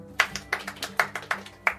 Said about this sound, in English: If you can, clap your hands.